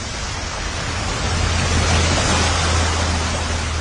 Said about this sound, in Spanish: No debo perder de vista el agua. ¡Allí! ¡El agua se mueve!